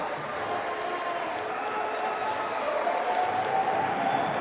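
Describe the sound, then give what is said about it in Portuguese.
A steady round of applause from a crowd, given in thanks to God, dense and continuous clapping at an even level for the whole stretch, with a faint murmur of voices underneath. “Eu quero começar agradecendo a Deus por tudo, com a salva de palmas.”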